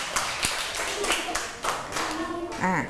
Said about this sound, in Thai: ปรบมือให้ทั้ง3คนเลยค่ะ